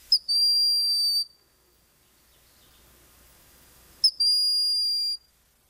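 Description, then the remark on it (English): A broad-winged hawk gives two thin, high-pitched whistled calls, each about a second long and introduced by a short pip, separated by a few seconds of near silence. “But bucking the trend, the broadwing's call somehow fits it, for this hawk is one of the most demure of the clan.”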